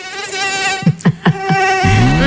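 A high-pitched mosquito whine drones steadily with rich harmonics, punctuated by a few soft low thumps, then a deeper rising hum swells in at the end.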